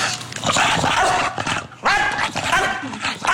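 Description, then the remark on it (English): A small dog barks and yips excitedly while playing, in quick, uneven loud bursts, with high-pitched whiny yelps mixed in and some voices faintly in the background. “Like, it barks and it flaps.”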